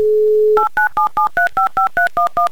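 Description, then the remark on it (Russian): A telephone number is dialed by the radio station Humor FM to call a contest player in Moscow: a steady low dial tone gives way to eleven quick, evenly spaced two-tone keypad beeps at varying pitches, with no voices. “Номер набран, ждем гудки”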